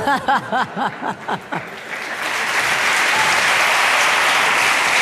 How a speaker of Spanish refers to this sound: No ese aplauso favor, viene porque todos están pensando en uno, ¿verdad?